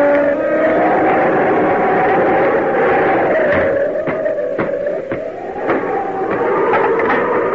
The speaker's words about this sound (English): We can see the truck come up the lane.